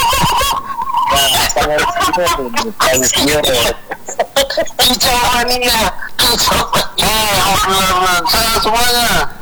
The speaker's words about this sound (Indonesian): Ada suara-suara burung di belakang-belakang ini pas siapa ya? Biasa kalau biasa kalau ada suara burung itu kan apa kardian gitu ya.